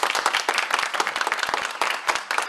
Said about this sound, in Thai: แต่ว่าก่อนที่เราจะไปชมวันนี้ขอเสียงปรบมือ